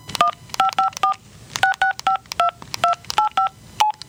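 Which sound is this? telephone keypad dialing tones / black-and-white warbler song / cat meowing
telephone keypad dialing tones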